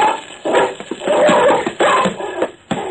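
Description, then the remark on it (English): A big brown dog snarls and barks fiercely in rapid, overlapping bursts, loud, as it leaps through the air and attacks a man, with no pause in the aggressive noise for about three seconds. “The dog was like a big brown shadow as he leaped through the air.”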